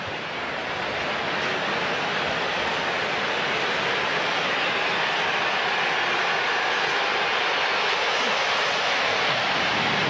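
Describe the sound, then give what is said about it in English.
A loud, steady jet-engine roar fills the whole stretch as an airplane passes low over a ballpark, a broad rushing rumble that stays powerful throughout with no voices. “Here comes another one. That plane was moving. It can be loud here when those planes buzz us.”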